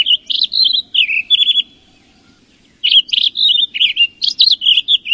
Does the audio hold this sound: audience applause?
no